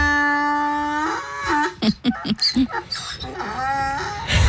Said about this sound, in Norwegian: Hvilket dyr er det her, Hanne? Det var et esel.